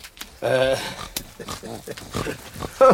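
Three pigs grunt and squeal loudly while being fed at a cottage, with a long harmonic squeal early on and short grunts scattered throughout, ending in a sharp squeal.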